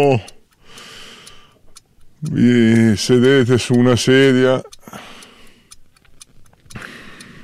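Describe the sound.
A voice loudly imitates a large clock ticking with a steady run of four rhythmic syllables, framed by a man speaking quietly before and after.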